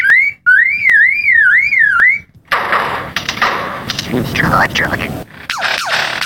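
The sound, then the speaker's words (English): A lyrebird mimics mechanical noises, among them the click of a camera: first a loud, wavering car-alarm-like whistle punctuated by sharp clicks, then a burst of harsh, buzzing, clattering sounds with rising and falling sweeps. “The lyrebird is one of the best of all bird mimics.”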